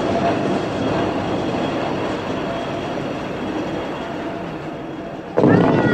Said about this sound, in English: He hurries away as the cable car heads up the mountain.